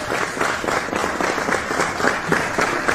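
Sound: audience applause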